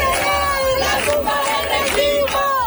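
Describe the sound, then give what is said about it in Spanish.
A large protest crowd in Seville chanting in unison at night, loud and sustained, with rhythmic swells of many raised voices and a few sharper high cries breaking through. “Pues sí, así sonaba, por ejemplo, anoche el hartazgo en Sevilla.”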